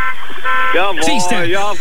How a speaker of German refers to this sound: Ihr FFH hört, hupt jetzt. Jetzt hupt ihr überall.